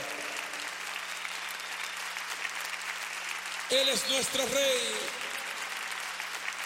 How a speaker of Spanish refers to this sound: Vamos, dale un aplauso al rey. Él se merece tu mejor aplauso. Él se merece tu mejor aplauso. ¡Apláudele!